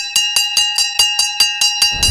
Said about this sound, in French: En fait, c'est une cloche. C'est une cloche qui sonne parce que c'est la fin de la récréation.